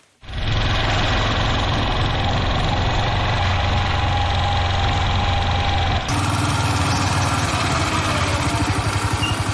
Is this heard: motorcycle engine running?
yes